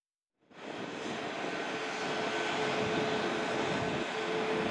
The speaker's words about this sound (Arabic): وصلت قبل قليل إلى مطار دمشق الدولي أول رحلة ركاب لشركة ليف إيفيشن من مدينة دوسلدورف الألمانية، وكان مراسلنا قد رصد انطلاق الطائرة من مطار المدينة.